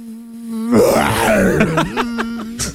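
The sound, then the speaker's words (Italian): A voice mimics a tiger mosquito: a steady, low nasal hum that breaks into a loud, rough, wavering growl, then sputters into short buzzy pulses before fading. “Fino ad arrivare alla zanzara tigre.”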